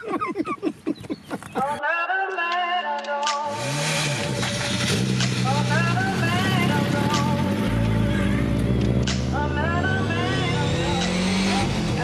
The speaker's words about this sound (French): Oh la vache! Quoi ces freins épouvantables! On a une pédale, c'est du béton armé et ça ne freine absolument pas!